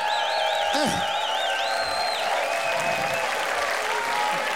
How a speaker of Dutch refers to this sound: Dan mag je ook wel even hun applaudisseren, jongens. Dit zijn kanjers. Ze hebben genoten van jullie.